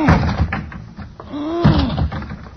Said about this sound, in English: I'm going to lunge at the door with my shoulder. Go ahead. All right, here I go.